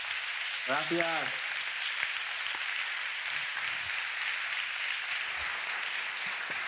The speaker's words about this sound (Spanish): Un abrazo, y este aplauso que te mandamos desde aquí.